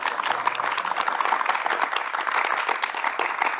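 Steady audience applause for a mother and her child at the end of the show segment Kwa Ja To, a dense crackle of many hands clapping at an even loudness with no voices rising above it.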